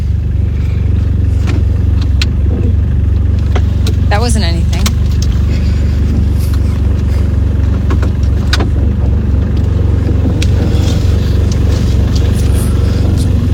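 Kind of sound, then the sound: vehicle, car engine revving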